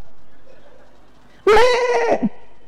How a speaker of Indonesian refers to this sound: Ternyata kambing itu kalau mengembik saja, itu ada 3 jenis embikan kambing. Ada berapa jenis? Lapar.